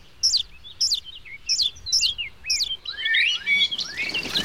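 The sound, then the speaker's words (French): High, thin bird calls repeat in quick insistent bursts, about five evenly spaced chirps followed by a busier overlapping cluster of squeaky notes, fairly loud: small, pink, naked blackbird nestlings begging for food, fed by two parents. “Ils mangent toute la journée. Qu'est-ce que je te disais? Ils réclament. Ils n'arrêtent pas d'appeler.”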